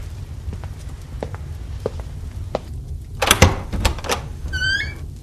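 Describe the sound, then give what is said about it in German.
A door being opened: a few soft steps, then a sharp clatter of the latch and handle, followed by a brief high creak of the hinge. No one speaks. “als du die Tür eben geöffnet hast, woran hast du da gedacht?”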